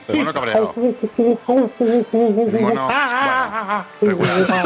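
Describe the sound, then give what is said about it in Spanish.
A radio listener mimics an angry monkey, with a quick run of choppy hoots that build into wavering, screechy whoops. The voice is loud, with no actual words. “Mono cabreado.”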